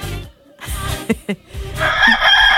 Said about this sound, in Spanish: digo, el gallo Claudio, se confirma.